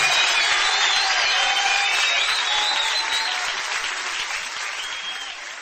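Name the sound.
applause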